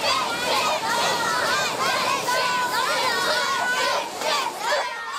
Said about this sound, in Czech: Jú, a co kdyby tady na pláži fandili děti hokej?